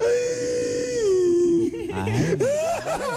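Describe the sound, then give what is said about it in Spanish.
A voice mimics whimpering, crying sounds: a long, wavering high-pitched whine that sags downward, then breaks into shaky sobbing gulps and rising wails, fairly loud. “¿Así llora un pie? Sí, así lloran los pies”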